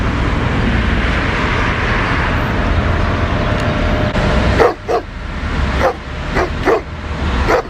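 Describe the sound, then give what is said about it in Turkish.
Several stray street dogs bark in short, irregular bursts outdoors in a parking lot in Beylikdüzü, Istanbul, in the morning, starting after a few seconds of steady background rumble and continuing through the end, loud. “Sabah işe gitmek için evden çıkan bir kişi otoparkta başıboş sokak köpekleriyle karşılaştı.”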